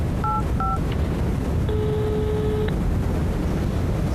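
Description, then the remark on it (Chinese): Two short dual-tone keypad beeps from a telephone being dialed to call Boss Wang, followed by a longer sustained tone, all over a steady low rumble of background noise with no voices. “你现在就给王老板打电话，你问问他，这合同他如果能签，咱就跟着他干；如果他不签，咱现在就打电话报警”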